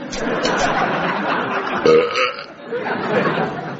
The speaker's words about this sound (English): it's only a belch, man. Could have been worse. I could have been French snogging you when I done it.